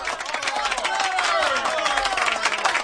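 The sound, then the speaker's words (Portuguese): A burst of applause from a group, dense, steady clapping at a fairly even loudness throughout, with some cheering voices mixed in. “O nosso prémio é uma salva de palmas.”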